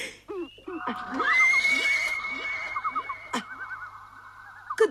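A horse whinnies loudly, one long quavering neigh that wavers up and down for several seconds, with a few sharp knocks punctuating it and no voices.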